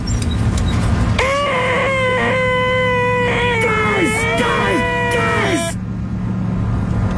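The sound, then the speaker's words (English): A voice makes a loud, high-pitched nasal screech, Jim Carrey's 'most annoying sound in the world' from the film Dumb and Dumber, held for about four seconds with wavering pitch and brief breaks over a steady low rumble. “Okay, that it is too early in the morning to hear that screeching sound.”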